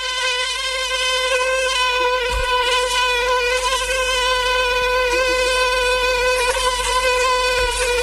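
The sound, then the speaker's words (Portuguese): A mosquito's high, thin whine drones steadily and continuously, its pitch wavering slightly as it hovers, with a dense stack of buzzing overtones and no voices. “Em momentos em que estamos a tentar dormir, estamos calmamente e só ouvimos aquele barulho irritante.”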